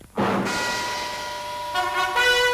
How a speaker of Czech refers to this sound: I proto tady pouštím takovou retro znělku, byť si myslím, že toto je znělka televizní, než rádiová.